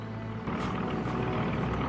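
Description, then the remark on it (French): Loud, steady engine drone with a throbbing low rumble that swells after the first half second, from approaching American warplanes passing overhead, with no voices. “On entend déjà les avions!”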